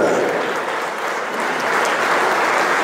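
A crowd applauds steadily to welcome the goalkeeping coach of a football team's senior squad, a dense wash of many hands clapping at an even loudness throughout, with faint murmurs mixed underneath.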